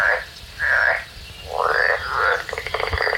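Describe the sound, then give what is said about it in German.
A European tree frog calls in several loud, rasping bursts, ending in a rapid pulsed run of croaks, with faint background noise and no talking. “So eine ganz spezielle Eigenschaft vom Laufrosch ist, dass er extrem gut klettern kann.”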